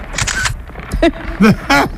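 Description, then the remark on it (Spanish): A few quick camera shutter clicks snap in succession as a selfie is taken, fairly loud, with brief tonal chirps mixed between them and no talking. “¡Hazte un selfie conmigo! A ver, sonríe.”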